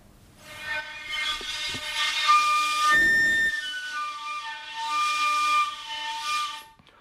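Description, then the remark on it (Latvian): Breath blown steadily into a hand-held tube produces a whistling, harmonic-rich tone lasting about six seconds. Higher overtones rise and shift in pitch with blowing strength while a steady base tone persists. No talking. “Un es savu vēju pūtīšu šajā te caurulē un paskatīsimies, kā mainās tas tonis atkarībā no iepūtiena stiprumā.”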